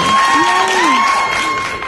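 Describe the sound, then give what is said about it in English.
A crowd cheering and applause sound effect: a loud burst of dense, steady clapping and voices lasting about two seconds, with a whistle-like tone and rising shouts over the top. “The crowd, that like cracked me up.”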